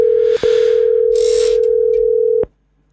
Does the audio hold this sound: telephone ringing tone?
yes